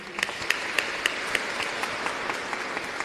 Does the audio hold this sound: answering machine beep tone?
no